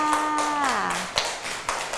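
Children clap their hands in a loose, uneven patter of sharp slaps, a few louder claps standing out, applauding a classmate at their teacher's request, while a voice holds a drawn-out falling tone at the start.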